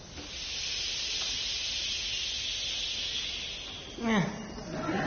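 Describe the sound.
A crowd of voices, an audience split into two halves by a performer, makes a sustained, breathy shushing hiss that swells and holds steadily, imitating the sound of sea waves, before a voice briefly cuts in near the end.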